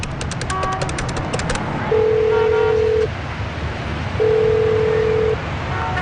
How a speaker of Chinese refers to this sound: 林烟走出商场的第一件事就是在路边打磁卡电话。